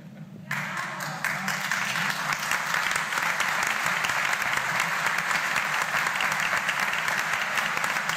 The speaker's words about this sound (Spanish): Y esos aplausos que sirvan para rezar por los curas.